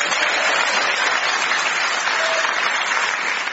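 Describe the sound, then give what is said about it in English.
A panel show audience in a prison applauds steadily as the panel is introduced, a dense, even patter of many hands clapping at a constant loudness throughout, with no voices over it. “Please clap your hands if you're not shackled to a screw for Phil Jupiter's Joe Caulfield and Clive Anderson.”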